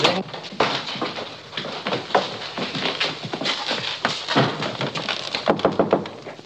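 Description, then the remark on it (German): Repeated sharp knocks on the door of His Highness's room, irregular in rhythm, over a steady busy background noise, with no voices. “Klopfe bei Hoheit Zimmer.”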